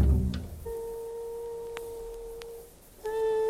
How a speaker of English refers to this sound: That's jazz music you're listening to. You see, I love jazz music.